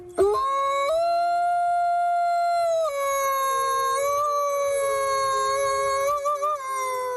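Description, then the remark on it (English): A single long wolf howl, loud and close, holding a steady tone that rises once early on, then dips and wavers slightly before trailing off. No other sounds or voices accompany it. “Well, new research on wild wolves in Poland has found that they and their prey are afraid of us big bad humans and restrict themselves to the darkness of night if we're nearby.”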